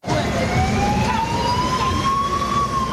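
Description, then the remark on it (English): A loud siren wails with a slowly rising tone from a UN escort vehicle clearing the way in Central African Republic for a bus of migrants deported from the United States, over a steady rumble of traffic and engine noise, with no one speaking. “A UN escort vehicle clears the way in Central African Republic for a bus of migrants deported from the United States.”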